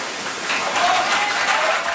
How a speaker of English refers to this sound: Some people applauded Macron